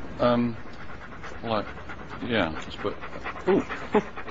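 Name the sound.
dog panting and whimpering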